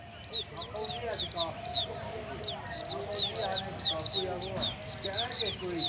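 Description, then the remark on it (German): A dense chorus of songbirds, with quick high chirps repeating in rapid bursts over a steady layer of lower warbling and chatter, lively throughout. “Man muss schon ein sehr feines Gehör haben, um dieses Vogelkonzert schätzen zu können.”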